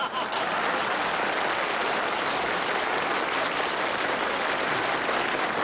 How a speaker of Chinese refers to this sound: 我看谁敢再鼓掌？